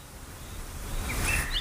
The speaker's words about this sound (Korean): 어느 화창한 봄날, 순주의 장남인 효명세자는 포도나무 가지 사이를 날아다니며 지저귀는 꾀꼬리를 보게 되는데요.